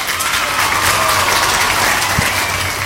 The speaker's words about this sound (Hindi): बिल्कुल सही जवाब दिया है आप सभी ने, इसलिए आपके लिए बजाएंगी तालियां।